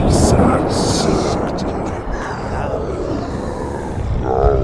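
A loud, continuous storm roars throughout, with heavy rumbling thunder and rushing wind gusts rattling a window, swelling again toward the end.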